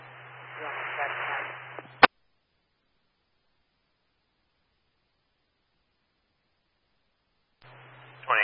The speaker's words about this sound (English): All I got was static.